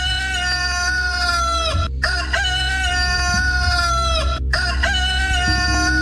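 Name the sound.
rooster crowing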